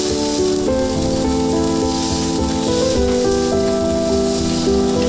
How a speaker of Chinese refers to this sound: 只需要简单用盐和黑胡椒调味，在高温下快速煎烤，形成完美的焦化外壳，内部则根据喜好保持3分熟至5分熟，关键在于品尝牛肉本身的浓郁风味和柔嫩多汁的口感。